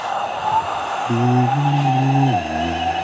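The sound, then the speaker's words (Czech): Wind howls in low, steady moaning tones that step down in pitch, rising over a constant high whistling hum before fading into a deeper drone. “To jsem netušil, že když vítr dělá tenhle zvuk, tak vlastně zpívá.”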